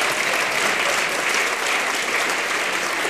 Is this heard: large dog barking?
no